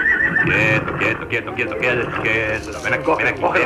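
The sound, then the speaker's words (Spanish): A horse whinnies loudly and close by, a long, shaky, high-pitched neigh that rises and falls for several seconds, with faint rustling and movement underneath. “Todo empezó con el caballo de papá.”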